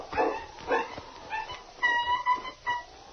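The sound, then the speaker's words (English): A dog with its foot caught in a trap yelps and whines in distress: several short, high-pitched cries followed by longer, wavering whimpers, fairly loud and with no talking. “It's a dog. Sounds like he's in trouble.”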